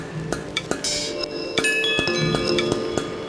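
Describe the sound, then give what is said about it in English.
Bright metallic chimes in a music track ring out in an irregular sequence of overlapping strikes, each tone sustaining and shimmering as the next one sounds, clear with no voices. “I love these chimes, they're so nice.”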